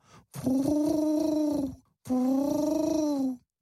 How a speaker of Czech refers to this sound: Obě se vzrušeně začaly radit, když se dali slyšet holuby, kteří je už chvíli poslouchali.